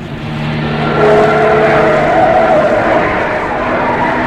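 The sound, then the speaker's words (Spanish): A car engine hums steadily, with a brief tire squeal partway through as the car turns onto a road on its way into the Hassel Mahal neighbourhood of Tangier. No voices are heard. “Jaffa, dé vuelta en ese camino.”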